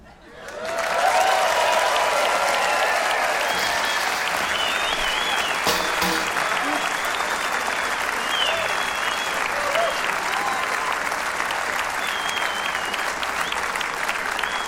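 Sustained audience applause after an old song swells quickly and holds steady, a dense wash of clapping with a few whoops and cheers rising above it, lasting the full stretch without talk.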